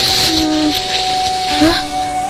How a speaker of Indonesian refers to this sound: Hari ini hari ke-17, … mau merekam sungai lagi. Tapi kok terdengar seperti ada yang berbeda ya?